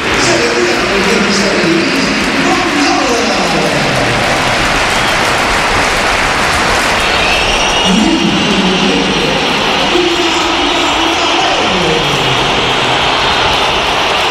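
The Bernabéu stadium crowd roars with sustained applause for Gonzalo while loud, shrill whistling at Mbappé, brought on in the 69th minute to replace Gonzalo, swells over the dense, unbroken wall of noise for the whole stretch.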